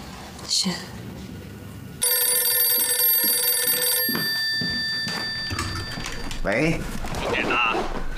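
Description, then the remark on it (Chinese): A telephone bell rings loudly in a rapid, rattling trill for about two seconds, an incoming call arriving just as the man answering was about to rest, then cuts off as people begin talking. “刚回来，这不刚要休息，你电话就进来了。”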